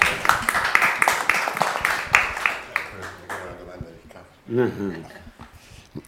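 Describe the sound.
A brief round of audience applause, many hands clapping in a dense, brisk patter that fades after a couple of seconds as a voice starts speaking.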